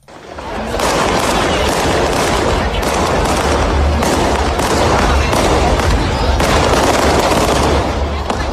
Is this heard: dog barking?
no